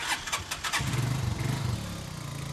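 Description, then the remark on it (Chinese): A motorcycle engine cranks with a few rough bursts, then catches and settles into a steady, throbbing idle that continues to the end, as a father and son set out by motorcycle toward their beehives in the mountains. “父子两人要先骑摩托车，然后步行一段路程才能到达。”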